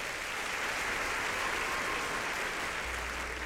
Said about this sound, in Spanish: aplauso para los enamorados, muchachos. ¡Fuerte!